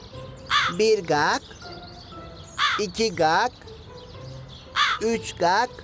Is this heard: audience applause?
no